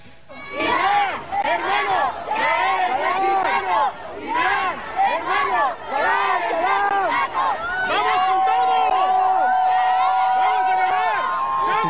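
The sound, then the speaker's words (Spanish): A large crowd in Tijuana, Baja California, chants and cheers loudly and continuously as it sends off the Iranian national team leaving for its debut match against New Zealand, many voices rising and falling in rhythmic unison with shouts over the top, and a steady horn-like tone enters near the end. “Escuchen cómo despidieron a la selección iraní cuando salía con rumbo a su debut, que está sucediendo en este momento, contra Nueva Zelanda.”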